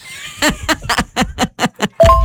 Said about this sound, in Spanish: Como dicen, tocando la campana, yo me la imaginé arriba de un triciclo.